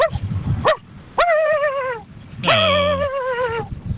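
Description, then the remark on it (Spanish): A pet dog in Aguatepunk barks, a few sharp yaps followed by long, wavering, drawn-out howling barks, loud and clear with no talking. “Así ladra mi perro”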